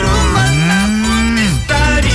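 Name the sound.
cow mooing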